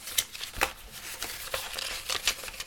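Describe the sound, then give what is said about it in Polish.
Crisp rustling and crinkling of paper sheets, the papers from a product package including a warranty card, being handled and shuffled, with several sharp bursts of crackle over a steady papery hiss. No one speaks. “Otrzymujemy na sam początek papiery. Papierów jest tutaj trochę.”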